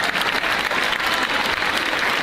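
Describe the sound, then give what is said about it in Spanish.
Steady, dense applause from an audience in Laredo for the people who work with the associations behind the town's 115-year-old flower festival, a continuous crackle of many hands clapping at an even loudness for a couple of seconds with no voices standing out. “Un fuerte aplauso, lo primero, para ellos y toda la gente que colabora con las asociaciones.”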